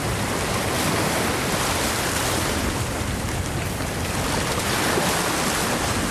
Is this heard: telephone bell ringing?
no